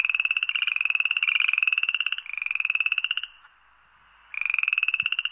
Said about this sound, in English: Yes, I am talking about amphibians, about frogs.